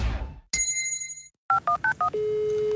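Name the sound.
gong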